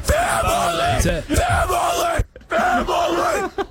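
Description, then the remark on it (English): A large crowd chants "family" in unison, loud rhythmic yelled bursts repeating in waves, with a brief drop between phrases before the shouting surges back. “So yeah, he was getting into like, hey, I'm sorry about these thieves out here, but the crowd was like, hey, let's just chant.”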